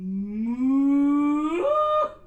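A single long cow moo, loud and drawn out for about two seconds, its pitch slowly rising before it breaks and fades at the end. No talking.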